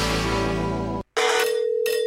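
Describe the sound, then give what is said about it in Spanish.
A loud electronic telephone ring plays in short bursts, a steady tone broken by brief pauses, clear with no voices. “Imagínate que el 31 de julio de este 2026 suena tu teléfono y del otro lado te dicen ¡felicitaciones!”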